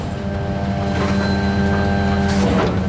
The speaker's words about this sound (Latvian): ar kuru kopā dodos izbraukumā ar atkrituma savākšanas mašīnu, stāsta, ka konkrētajā dienā tiek vākti šķirotie atkritumi.